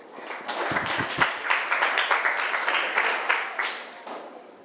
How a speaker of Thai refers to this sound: เก่งมากปรบมือให้กลุ่ม5ค่ะ